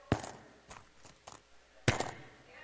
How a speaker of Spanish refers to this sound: Ahí están echando monedas, hermano, aleluya. Ahí están echando monedas, sí, mire, ve.